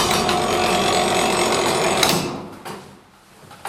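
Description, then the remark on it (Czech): A weight-driven tower clock's striking mechanism, about 100 kilograms and mounted on a sturdy oak stand, with no bells, whirs and clatters steadily for about two seconds as it strikes the quarter, half or three-quarter hour, then a couple of sharp mechanical knocks sound before the noise dies away. “Tak ten zvuk, který se slyšel, tak to by nám teďka odbilo vlastně čtvrt nebo půl nebo tři čtvrtě.”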